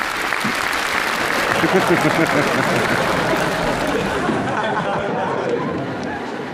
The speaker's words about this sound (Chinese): 这还鼓掌，这有什么可鼓掌的？